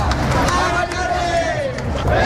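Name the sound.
protest march crowd chanting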